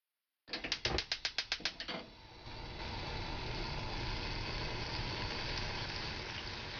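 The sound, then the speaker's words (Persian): A gas stove igniter ticks rapidly about ten times, then the burner catches and settles into a steady whooshing hiss of flame under a pot of 250 cc of water for making dashi. No one speaks. “250 سیسی آب رو داخل یه قابلمه بریزید و اون رو روی شعله بذارید.”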